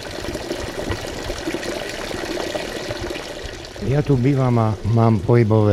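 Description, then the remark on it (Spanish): Water from a healing spring with excellent-tasting water at the Spa Afrodite in Rajecké Teplice pours in a steady splashing stream for several seconds, and then a person's voice starts speaking over the continuing flow. “Sin embargo, al entrar en el Spa Afrodite, lo primero que a mí me llamó la atención fue el manantial curativo, cuya agua tiene un sabor excelente.”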